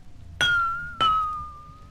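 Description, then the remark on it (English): The lowest-pitched of a row of drinking glasses arranged by pitch is tapped twice as water is added to it, each strike giving a clear ringing tone that sustains and slowly fades, fairly loud with no talking. “Now I'll fill the glass with the lowest pitch, like this.”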